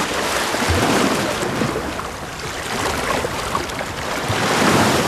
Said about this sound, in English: A storm broke over China's east coast.